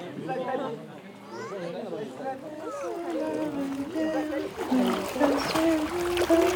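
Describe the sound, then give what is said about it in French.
Several people chatter while water splashes and churns around a boat crossing a river, the splashing growing louder and steadier toward the end beneath the voices. “On traverse la rivière, on passe sur bord en pension.”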